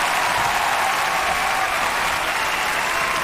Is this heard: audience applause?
yes